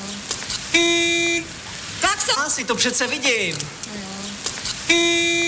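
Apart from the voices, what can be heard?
car horn honking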